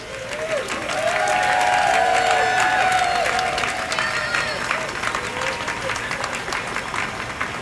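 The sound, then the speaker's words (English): An outdoor crowd of a few hundred onlookers, many from surrounding offices, breaks into sustained applause and cheering on a brilliantly sunny morning as the elk public artwork in Portland comes to rest on its platform. Scattered whistles and excited voices rise over the clapping, which stays steady and dense for several seconds. “By the time the elk successfully comes to rest on the platform, the crowd has grown to a few hundred people.”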